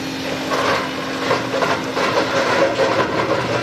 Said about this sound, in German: Mit richtig schwerem Gerät geht's dem grauen Ludwigshafener Betonklotz, der mitten in einem Gewirr von Hochstraßen steht, an den Beton. Wände und Decken sind bis zu 2,5 Meter dick.